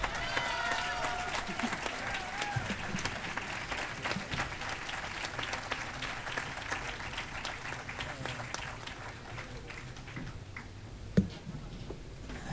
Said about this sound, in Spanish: Adrián, un fuerte aplauso para Adrián.